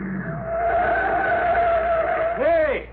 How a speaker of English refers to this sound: Hey, what's the car doing? He's coming right out on the field.